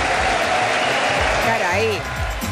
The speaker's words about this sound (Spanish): todos aplausos, todos en pie.